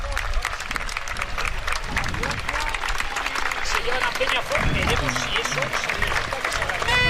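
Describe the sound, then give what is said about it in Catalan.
A football stadium crowd at a Poblense match against Àguiles applauds steadily for about seven seconds as an ambulance leaves the pitch, a dense wash of clapping with a roar of voices underneath, holding a fairly even loudness throughout. “Ara parteix amb els aplaudiments.”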